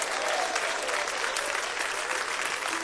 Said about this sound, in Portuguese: Glória a Deus, mas estas palmas podem ser mais bonita, mais alegre, mais vivas.